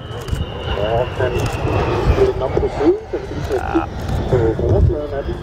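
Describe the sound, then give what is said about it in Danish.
A Challenger jet used for VIP transport and maritime surveillance flies overhead and banks, with a steady, loud engine roar and a high whining tone that slowly drops in pitch, while people talk nearby over the noise. “Det er vores VIP og søovervågning og levering til Sirius fly. Det er sådan en, det er også lidt en schweizerkniv, den der, den flyver der.”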